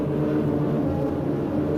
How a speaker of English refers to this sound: Once again, weather planes make a last-minute check.